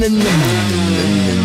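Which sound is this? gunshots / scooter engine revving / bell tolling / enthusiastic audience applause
scooter engine revving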